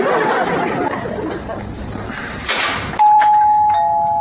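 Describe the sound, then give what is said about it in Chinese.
A doorbell rings after a few seconds of murmuring voices: a loud, steady electronic chime tone that holds for about a second, with a brief higher note at its start. “我去开门。”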